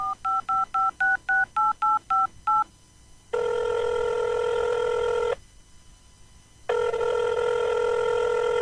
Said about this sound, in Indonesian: Aku telpon aja lah.